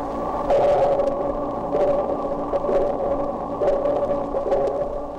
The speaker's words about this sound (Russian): Замедлим запись звуков в 32 раза. Вы слышите эхо, отражающееся от подводных предметов. Эхо и рассказывает животным, что происходит вокруг них.